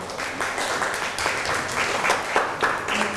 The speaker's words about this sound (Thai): นั่งลงครับปรบมือให้กับเพื่อน